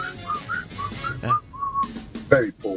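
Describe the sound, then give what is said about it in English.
Someone whistles a wobbly, breathy tune in short uneven notes, pitch wavering and cutting out, with a bit of voice and breath noise near the end. “Very poor whistling, but whistle.”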